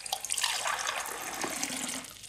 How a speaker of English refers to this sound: No messes here at all. And nothing that made a crash bang sound? Nope. Only running taps.